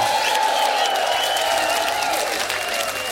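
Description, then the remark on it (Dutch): A crowd applauds loudly and steadily for a few seconds for a guitar legend, dense clapping, with a sustained ringing tone humming underneath the whole time. “Maar een heel hard applaus voor onze gitaarlegende ….”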